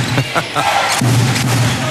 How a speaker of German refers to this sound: Ihr hört Radio Köln und rein geht's in die Bude mit quietschenden Schuhsohlen auf Hallenboden, verschwitzten Trikots, Trommeln und sehr großen Menschen.